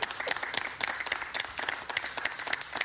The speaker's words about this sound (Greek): Ευχαριστώ. Χειροκροτήστε τον. Το βρήκε.